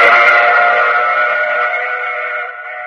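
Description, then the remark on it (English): A train sounds a long, steady horn blast, loud, holding its chord for about three seconds before easing off slightly at the end. No one speaks. “I take this same train every week at this same time.”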